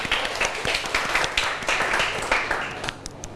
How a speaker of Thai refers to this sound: มีคนยกมือแล้วนะอ่ะก่อนอื่นปรบมือให้เพื่อนก่อนเร็ว